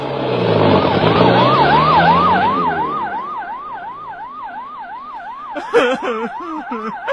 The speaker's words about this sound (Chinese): 来，把警笛关掉。